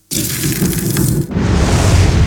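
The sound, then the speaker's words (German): Meat or sausages sizzle on a charcoal grill at a summer barbecue: a loud, steady hiss full of fine crackles and pops that shifts to a brighter, denser fizz about halfway through, with no voices. “Es ist das Brutzeln von Fleisch auf dem Holzkohlegrill oder Würstel, weil im Sommer finden immer so viele Grillfeste, also ist das Brutzeln vom Grill, auf, wenn man Fleisch auftut.”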